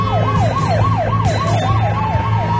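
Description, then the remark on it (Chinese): Sirens of a group of police cars with flashing lights wail in quick, repeating up-and-down sweeps as the cars speed away, two of them overlapping, loud and steady over a low engine rumble, with no one speaking. “一片警车闪烁着警灯，拉着警笛疾驰而去。”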